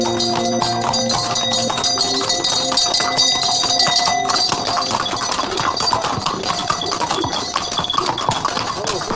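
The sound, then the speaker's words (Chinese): A dense, steady clatter of many horse hooves clip-clopping along, mixed with jingling, ringing bells whose sustained tones stand out most in the first half, all fairly loud and continuous, evoking a busy trade caravan on the ancient Sichuan-Gansu-Qinghai Tea Horse Road at Songpan. “松潘城中至今流传着这样一句耳熟能详的名言，说的就是茶马古道马蹄嘚嘚铃声阵阵的繁忙景象。”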